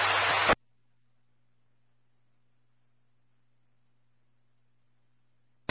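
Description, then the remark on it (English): A short burst of harsh radio static opens, cuts off to near silence with a faint low hum, then another brief crackle of static returns at the very end. “Recovery static.”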